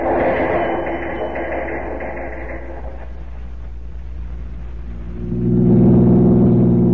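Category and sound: vehicle, car engine driving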